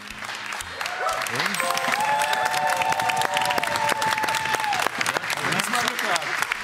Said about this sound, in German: Wann hast du von deiner eigenen Frau das letzte Mal so viel Applaus gekriegt?